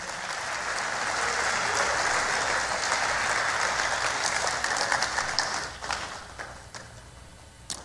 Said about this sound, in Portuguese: Quem crê que Deus tem coisas novas para nós? Aleluia, aleluia, pode aplaudir.